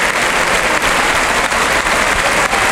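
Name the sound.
bullring crowd ovation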